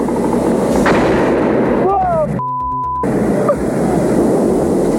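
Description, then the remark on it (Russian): Loud, sustained bursts of rapid anti-aircraft gunfire aimed at a drone rattle almost without pause, briefly cut off near the middle by a short electronic tone before the dense firing resumes; the drone is hit and goes down. “Подбил, смотри, пошел вниз!”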